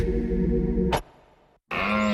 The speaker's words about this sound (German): Der Hirsch röhrt ist Jagdfinale bei Little John Bikes.